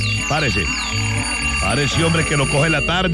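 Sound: alarm clock ringing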